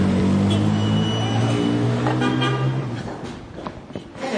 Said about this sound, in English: I was stuck in the traffic now. The number of cars in Damascus may be tripled since the fall of the regime.